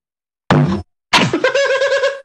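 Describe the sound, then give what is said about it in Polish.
A guitar bumps against a stand twice: first a short hollow thunk, then a louder knock that leaves the strings ringing in a sustained, slowly fading chord. No one speaks. “Nie uderzyłem gitarą statyw.”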